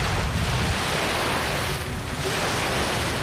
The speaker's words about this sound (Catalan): Pots posar el so del mar? Fem sí, talassa? A veure... Tanquem els ulls, això és el mar.